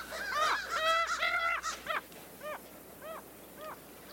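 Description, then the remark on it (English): Crows cawing: a quick cluster of overlapping harsh caws, then four single caws at a steady, evenly spaced rhythm, clear with no one talking. “And the crows are the higher pitched caw, and they flap a lot more.”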